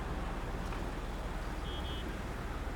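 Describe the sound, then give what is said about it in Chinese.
A steady, low engine rumble fills the scene as cars idle in a traffic jam on Xiafei Road, blocked after a car accident, with a short high electronic beep sounding faintly in the background near the end. “邪门了，这个点不应该堵车啊。”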